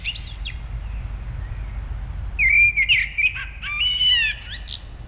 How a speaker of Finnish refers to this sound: Ja aamuyöllä kotiin laahustaessaan hän sitten pysähtyi kuuntelemaan mustarastasta ihaillen ja ajatteli, että siinä sitä on lintumaailman laulaja mestari, todellinen taiteilija.